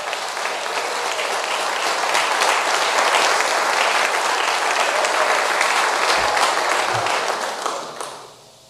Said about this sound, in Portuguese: Vamos dizer graças a Deus por esses parágrafos. Palmas para Jesus.